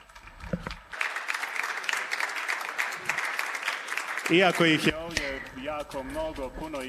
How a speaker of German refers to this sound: Und nun geben wir Ihnen einen Applaus.